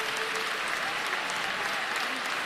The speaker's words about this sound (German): Immer wieder gibt es für die Kandidaten tosenden Applaus.